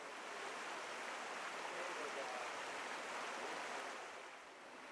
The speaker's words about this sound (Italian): Qui ne abbiamo uno di particolare, volevo arrivare a questo, però in realtà adesso fra un po' ci allontaneremo, prevarrà di nuovo il paesaggio sonoro delle rapide.